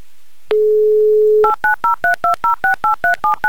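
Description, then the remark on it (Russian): A steady dial tone sounds for about a second, then a quick, evenly spaced run of about eleven touch-tone beeps as a phone number is keyed in to call a contestant in Balashikha during the Humor FM game 'Car for a Smile', loud with no voices. “Ей-то мы как раз сейчас и будем звонить.”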